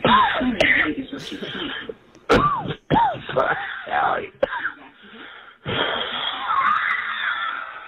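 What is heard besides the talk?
coughing fit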